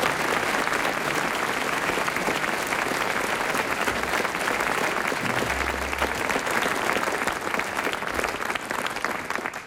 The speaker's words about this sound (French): Il a été très brillant, Hervé Le Tellier, on l'applaudit.